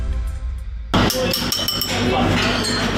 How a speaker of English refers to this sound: The ping test, a tap with a pencil to check for cracks. This simple quality control method has been used for hundreds of years and is still in practice here at Portmerian Group, a traditional British pottery firm.